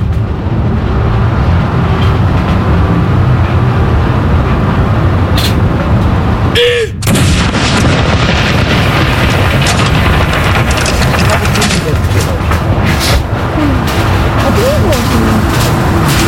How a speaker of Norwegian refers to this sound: Jeg ser også nede på kaj her, rett nedenfor Akershus festning, så står det folk og ser opp hit. Stille og rolig og få med seg salutene derfra nede på kaja. Andre kanon!